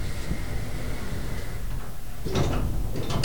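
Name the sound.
elevator doors sliding closed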